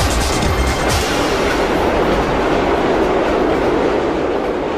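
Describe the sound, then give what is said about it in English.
A passenger train on the Reunification Express line in Vietnam rumbles steadily along the tracks, its wheels clattering in a continuous, loud roar with a dense rolling hiss throughout and no voices. “From Hanoi, I join the Reunification Express line for 15 hours across the demilitarized zone to reach Hue.”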